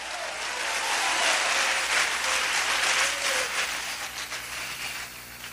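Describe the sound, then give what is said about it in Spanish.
A church audience breaks into sustained applause for the word of God after preaching, a dense wash of many hands clapping that holds steady for several seconds before slowly thinning out, with no one speaking over it. “Un aplauso por la palabra de Dios, aleluya.”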